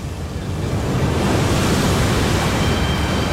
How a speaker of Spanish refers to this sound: Hay que tirar por la borda un trineo de 600 kilos. Y con mar picado.